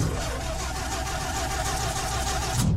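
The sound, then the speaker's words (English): A car, the Money Mobile, cranks with a steady, rhythmic grinding churn that never catches, its starter struggling on a run-down battery, then cuts off abruptly. No one speaks. “There seems to be some sort of problem with the Money Mobile.”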